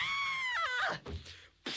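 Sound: two people screaming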